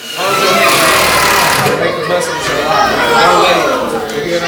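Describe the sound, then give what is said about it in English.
A power drill whirs steadily as students at Handyman Academy practice driving nails into wall studs, its motor hum continuous and loud throughout, with a murmur of people chattering underneath. “And then students practice drilling nails into wall studs.”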